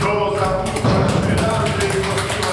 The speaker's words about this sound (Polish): Łodzie stanęły, a my pukamy w te boczne ściany.